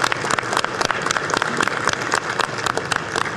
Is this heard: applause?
yes